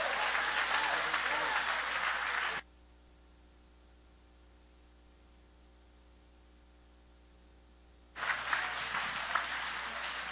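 An audience applauds loudly in a dense burst that stops abruptly, leaving a stretch of near silence with faint hum, before the clapping swells again near the end.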